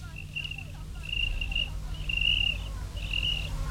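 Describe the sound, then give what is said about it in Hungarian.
A cricket on a wooden beam chirps in four steady, high-pitched trilling bursts, each lasting about half a second or more, over a low continuous hum. “Ó, a táltos tücsök, ott a gerendán.”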